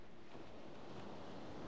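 Steady ocean surf with a broad, rushing wash of breaking waves, continuous and fairly quiet, with a windy, noisy texture and no talking.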